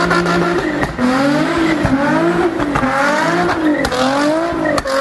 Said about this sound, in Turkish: yeni spor arabasıyla gezintiye çıktı. Sanayi sitesinde drift atarken kameralara yakalandı.